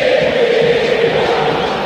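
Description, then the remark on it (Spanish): A massive football crowd at the Monumental stadium roars and shouts together during a River corner kick, a dense, loud, continuous wall of voices with a steady sustained tone running through the noise and no single speaker standing out. “Grito histórico en el Monumental.”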